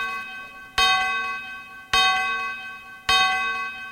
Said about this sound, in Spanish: Las campanadas, ¿se parece? Año nuevo, ¿qué pedo? ¿Se parece?